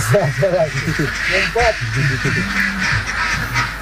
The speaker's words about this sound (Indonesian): Untuk satu kandang seperti ini, biasanya kapasitas bebeknya mencapai 1.000 ekor bebek.